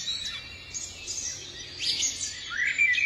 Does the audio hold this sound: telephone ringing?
no